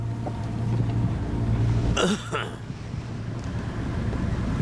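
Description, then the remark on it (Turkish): A motorboat engine drones steadily at a low pitch under rushing wind noise, with a brief loud whoosh around the middle before the hum carries on. “Güzel tekne.”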